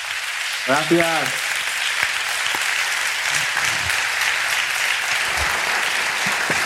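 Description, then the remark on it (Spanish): Steady audience applause, a dense wash of clapping that holds at an even, fairly loud level throughout, with a brief voice-like exclamation rising over it near the start. “aplauso que te mandamos desde aquí.”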